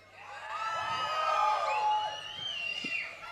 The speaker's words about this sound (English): So when I say one, two, three, four, and when I'm gonna count, un, zwei, drei, vier, you're gonna scream.